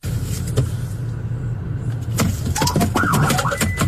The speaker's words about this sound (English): So when he switched seats with his passenger, he lifted his foot off the brake. The car was in reverse, started rolling back. It actually smacks into the cop car behind him right here, as you can see.